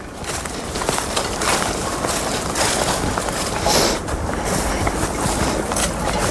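Dense, continuous tinkling and clinking of ice, like wind chimes, with many small bright chimes layered over a steady rushing wash of water and wind.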